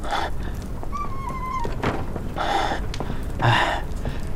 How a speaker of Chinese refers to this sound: 快，开门。